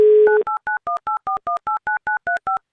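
A telephone dial tone hums briefly, then a number is dialed to call a game participant live on Avtoradio: about twelve quick, evenly spaced touch-tone beeps, each a clear two-note electronic chirp at varying pitches, with no voices.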